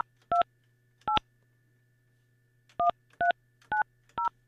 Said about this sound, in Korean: 자, 이분에게 제가 전화를 한번 걸어볼게요.